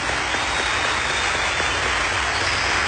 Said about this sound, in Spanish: ¿Cuántos tienen un Dios grande? Pueden darle un fuerte aplauso al Señor.